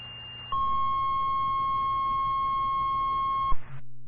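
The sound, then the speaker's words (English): A steady, piercing electronic paging tone from the Garrettsville fire dispatch, calling for drivers, blares for about three seconds over a radio channel, then cuts off abruptly, with static and a low hum in the background. No one speaks. “Garrettsville Basic Dispatch, can you get on a tone for a driver?”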